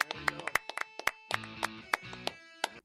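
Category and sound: crowd, people clapping hands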